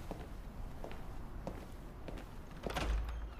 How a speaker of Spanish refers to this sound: Lágrimas caen por la cara de Viserys mientras la puerta de la cámara está cerrada.